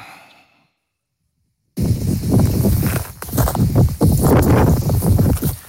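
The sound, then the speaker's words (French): Wind blasts into a reporter's microphone at a wildfire in the Minervois, France, a loud, low, rumbling roar that surges and buffets in uneven gusts after a brief silence. No one speaks over it. “Alors, on entend le vent,”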